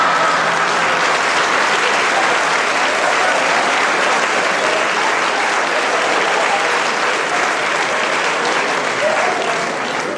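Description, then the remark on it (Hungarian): Loud, sustained applause from a crowd, a dense steady clatter of many hands clapping at once that keeps an even intensity for the full stretch with no talk over it. “Ő még folytatná, de mi hangos tapsolással odébb állunk.”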